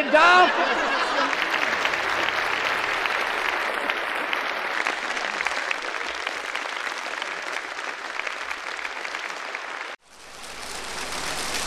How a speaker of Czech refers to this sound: Vážení a milí návštěvníci, nezlobte se na mě, ale tleskáte prabídně. No tak ne, já bych to nestavila tak ostře. Já bych řekla, milí návštěvníci, tleskáte jak ten zelený mužík na topole.